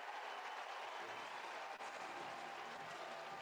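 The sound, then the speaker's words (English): A large baseball stadium crowd cheers and applauds after pitcher Chanson Cole strikes out Kentucky leadoff batter Chase Darnish, a loud, steady roar that fills the whole moment without letting up, a dense wash of many voices and clapping hands. “And a big swing and K for Cole to get the crowd into it.”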